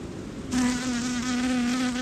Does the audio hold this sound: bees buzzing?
yes